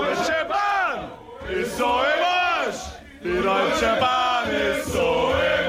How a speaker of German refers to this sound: Gröhlende Fußballfans, die unzufrieden sind mit der neuen Regel.